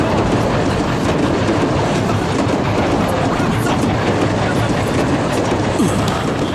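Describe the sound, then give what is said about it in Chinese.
A train passes through a station without stopping, rolling steadily along the rails without slowing, its loud, continuous rumble carrying a rhythmic clickety-clack of wheels over track joints throughout. “这一站怎么不停车呢？ 改了，刚刚改的，不停了呀。”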